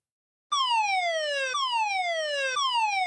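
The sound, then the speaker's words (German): A loud civil defense warning siren wails in steady falling sweeps, each dropping in pitch about once a second, sounding during Germany's nationwide warning day test, continuous with no voices over it. “An einigen Orten kam dann auch noch Sirenengeheul dazu.”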